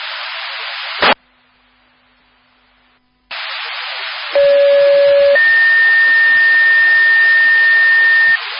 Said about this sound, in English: Clear on the downgrade, all other units can disregard. Can you drop disregard tones?